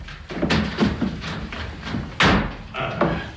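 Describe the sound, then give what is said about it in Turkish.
A door being opened, with a series of clunks and thumps from the handle and latch, then a sharper bang near the end, fairly loud with no talking. “açın kapıyı.”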